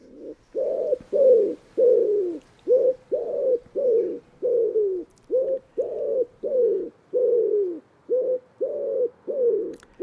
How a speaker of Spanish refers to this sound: Y en este paisaje abierto aparecen ahora las palomas torcaces, nombre científico, Columba palumbus.